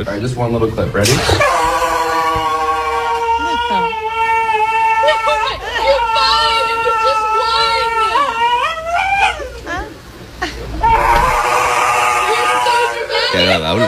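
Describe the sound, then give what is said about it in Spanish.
A large Presa dog whimpers and whines at the groomer's before its nail trim, even before the scissors are picked up, in long, wavering, high-pitched cries that rise and fall almost without a break, dropping briefly before a final loud burst of whining. “¿Dónde estaba el perro agresivo? Escucha.”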